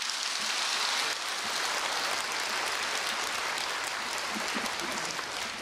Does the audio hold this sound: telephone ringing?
no